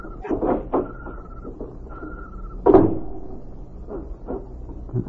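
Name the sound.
door being opened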